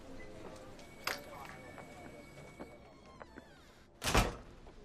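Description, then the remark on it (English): A door swings shut near the end with a solid thud, after a few lighter clicks and knocks of handling, with faint murmuring in the background. “Here, let me close the door so we can have some privacy.”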